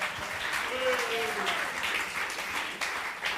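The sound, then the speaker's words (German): Steady audience applause welcoming a guest, a dense wash of many hands clapping at once, with a brief voice rising through the noise partway in. It holds at an even, fairly loud level throughout. “und wir freuen uns wahnsinnig, dass du dabei bist, und das gibt einen großen Applaus, denn er ist tatsächlich der einzige von uns, der die Primarschule geschafft hat.”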